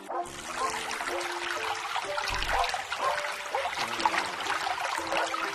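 Water flows and trickles steadily throughout, a continuous bright babbling wash with no pauses, moderately loud, with no voices.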